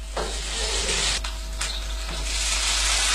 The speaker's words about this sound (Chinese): 热油葱姜蒜炝锅，依旧是熟悉的卤菜味道。